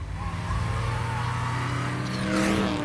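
A small Smart car engine hums and revs steadily for a few seconds while driving around Rome, its pitch wavering and swelling louder near the end with a brief rush of noise. No voices.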